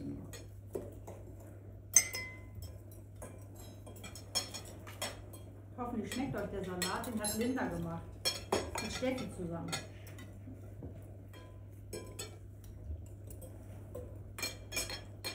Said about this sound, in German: Wir versuchen, das Messer in der rechten Hand zu halten und die Gabel in der linken Hand.